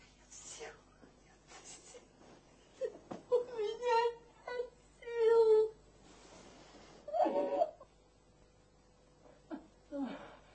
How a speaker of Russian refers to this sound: Как странно, что это... Плачешь ты, а не я.